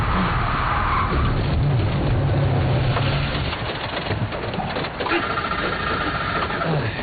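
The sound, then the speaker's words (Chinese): A car called the Huohu (Firefox) strains uphill on a rainy mountain road, its engine giving a loud, steady rumble and a whining tone. Then it stalls: the roar falters and drops off partway through before a rougher, uneven noise carries on to the end. “火狐熄火了。”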